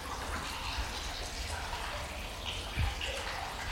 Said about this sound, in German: Am alten Zierwasserbecken sprudelt noch heute das Wasser aus einem Springbrunnen. Der Hahn ist ein Amor, der auf dem Delfin reitet.